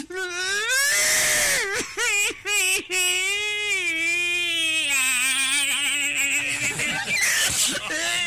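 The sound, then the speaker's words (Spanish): A woman's voice imitates a domestic maid crying, loud and exaggerated, with drawn-out wavering wails and sobbing breaks that run continuously, alone for about eight seconds. “la empleada doméstica llorando, ¿no?”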